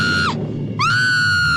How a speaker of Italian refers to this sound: Perché quel grido, cara? Ti ha fatto impressione?